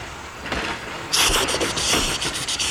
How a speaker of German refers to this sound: Mit aller Kraft lässt er den Dampf durch die Ventile zischen. Er ächzt und keucht mit Volldampf die Gleise entlang.